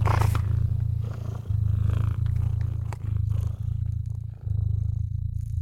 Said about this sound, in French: Vous ronronnez à présent, doucement, amplement.